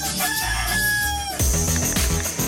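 At a place called El Gallo, a rooster lets out one loud, drawn-out crow. Then bouncy music abruptly cuts in and plays to the end.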